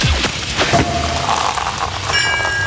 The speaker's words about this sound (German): immer, wenn ihr bei uns die Sektkorken knallen hört, das klingt dann so.